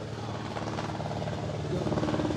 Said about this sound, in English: Can't hardly hear you. There's a helicopter overhead. Isn't that always the thing?